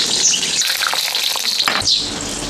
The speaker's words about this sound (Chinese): 竹子里面这个竹虫，那个竹子呢长得结节断腿了，就证明那棵竹子不健康了，就这个虫在里面，所以说我们用刀一砍开，都就长在里面，我们拿出来，拿来下一锅炸出来是很好吃。